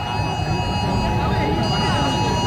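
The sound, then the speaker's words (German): A loud, steady emergency alert tone blares continuously at full volume from about 100 phones at once, layered pitches droning without a break over a dense background of crowd murmur. “weil ich den in voller Lautstärke von ungefähr 100 Telefonen gleichzeitig gehört habe”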